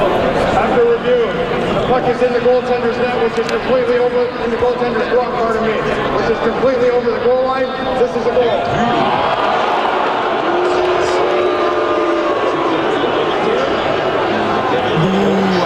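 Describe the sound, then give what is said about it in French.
A large hockey crowd outside the Centre Bell on Tuesday waits for the referees' review of whether a shot by the Sabres was a goal, in a loud, steady din of overlapping voices and chatter, with a few louder shouts rising out of the murmur for the whole stretch. “Donc là, la foule est en attente de la décision des arbitres qui décident de revoir s'il y a but ou pas sur un lancer des sabres.”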